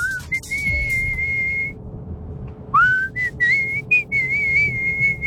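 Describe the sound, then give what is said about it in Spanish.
A person whistles a melody in two phrases, with a brief pause between them; the tone is clear, sustained notes gliding up and down over faint background noise. “No otra tonalidad, pero de que silbás, silbás.”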